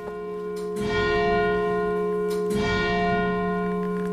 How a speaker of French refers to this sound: La cloche, qui a un très joli son. Après avoir entendu donc, le son de ce clocher, nous sommes sous les cloches, c'est-à-dire dans le narthex, dans l'entrée de l'église de Saint-Cyr, où est placée cette plaque.